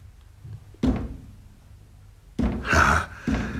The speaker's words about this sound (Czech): Ale proč klepe na dveře? Proč si neotevře?